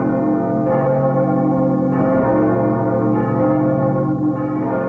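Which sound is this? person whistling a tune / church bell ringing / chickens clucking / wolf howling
church bell ringing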